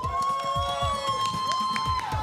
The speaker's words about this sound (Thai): การแข่งขันของเราครับเดินทางมาถึงรอบนี้ครับผมขอเชิญผู้แข่งขันมาทำความรู้จักให้กับทุกท่านได้ดูกันนะครับท่านแรกครับขอเสียงปรบมือกับ X Fire Show